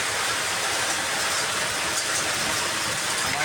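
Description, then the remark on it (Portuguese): Hail pours down in the Petrópolis neighbourhood in a dense, steady roar of countless tiny impacts, loud throughout with no pauses, and no voices are heard. “Bairro Petrópolis também, caindo pedra, hein?”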